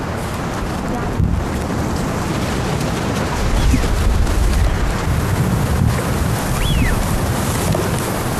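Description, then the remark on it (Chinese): Over steady wind and water noise, a single high whistled call of a Eurasian wigeon rises and then slides downward briefly, faint against the rushing background. “这个是吃紧鸭的叫声，对，就这个叫声，对，很好听，其实， 很生机 勃勃的。”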